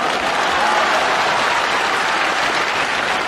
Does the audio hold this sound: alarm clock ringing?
no